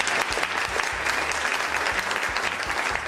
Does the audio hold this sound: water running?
no